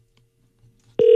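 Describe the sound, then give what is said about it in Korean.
After a second of near silence, a loud, steady telephone ringing tone suddenly starts and continues to the end, an outgoing call to a contest challenger that goes unanswered. “0591번님. 저의 도전을 또 받아 주십시오. 아, 전화 안 받으시네.”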